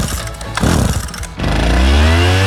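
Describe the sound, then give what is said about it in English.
A leaf blower's small engine roars in Ottawa, sputtering briefly before revving back up into a loud, steady whine that climbs in pitch. “Ottawa's resident leaf blower.”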